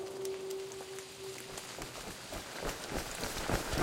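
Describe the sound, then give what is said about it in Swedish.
Quick running footsteps of two people running as fast as they can patter along steadily in the rain, mixed with a wash of rain hitting the ground, with a faint steady hum in the background. “springer det fortaste de kan”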